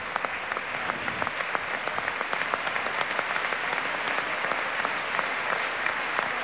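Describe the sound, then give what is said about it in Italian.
Sustained applause from a standing concert audience for an orchestra on tour, a dense steady patter of many hands clapping at even loudness throughout, with no voices standing out. “Un applauso ancora molto sentito, però c'è.”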